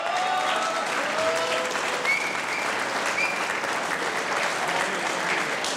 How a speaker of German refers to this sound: Das ist ein Applaus und der Applaus für die Tanzlmusi.